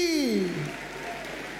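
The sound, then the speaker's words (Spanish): An audience applauds in a steady, dense wash of clapping, while a voice with a falling pitch sounds briefly over the start. “Dale fuerte ese aplauso, dile sí.”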